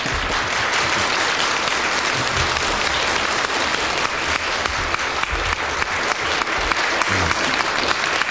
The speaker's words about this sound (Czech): Dlouhý potlesk za tak málo muziky jsem ještě v životě neměl.